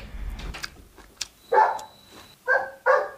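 A golden retriever named Ping'an, a family's new dog, barks three times, the loud sharp woofs spaced about a second apart, following some quieter indoor shuffling and clatter.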